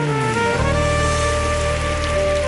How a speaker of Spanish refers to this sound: Dale fuerte el aplauso.